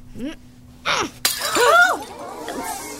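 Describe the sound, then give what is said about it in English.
A glass pitcher, hit by a thrown juggling ball, shatters with one sharp, loud crash. A soft thud comes first, and a second of scattered, ringing glass pieces settling follows. “Please observe as I throw these harmless juggling balls at this glass pitcher.”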